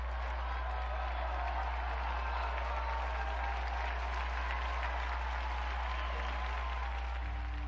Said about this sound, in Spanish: Unidos, pues, a quienes hacen de su vida un ejemplo de humilde entrega a sus hermanos, brindemos nuestro vivo aplauso a la beata Dina Belanger.